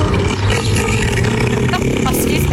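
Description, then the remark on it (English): A car engine roars loudly and steadily, a dense low rumble with a harsh rasp, as a car speeds past in traffic. “Neil versus the traffic. Neil, what are you doing? Slow down, you.”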